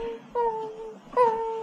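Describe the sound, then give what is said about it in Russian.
A dog howls in two drawn-out, mournful tones, each starting with a sharp rise and then holding steady before sagging slightly in pitch; it is irritated by a pocket watch. The wails are fairly loud with no talking. “Почему он все время воет?”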